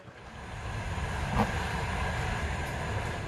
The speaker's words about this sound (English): This train goes from the westernmost town of Lviv to as far east as it is possible and safe for it to go right now.